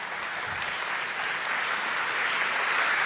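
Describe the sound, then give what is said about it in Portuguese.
Steady, dense applause from a crowd, a continuous crackle of many hands clapping at even loudness throughout, with no voices rising above it. “Pode aplaudir, pode aplaudir.”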